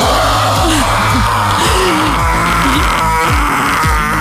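A listener's recorded morning scream, sent in after a call for morning screams: loud and strained, wavering and bending in pitch, harsh and raspy, carrying on for about four seconds without a break and with no speech.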